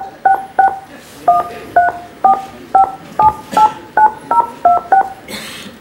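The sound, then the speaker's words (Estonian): A rapid string of about thirteen short telephone keypad tones as a personal ID code is entered on a call to the police automated crime-witness line, each a crisp two-note beep at a steady typing pace, over faint background hiss with no talking. “Pärast helisignaali sisestage oma isikukood.”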